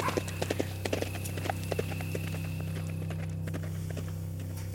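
Horse hooves clip-clop at an easy, uneven walking pace as riders head home, sharp hollow knocks sounding over a steady low hum, with no voices.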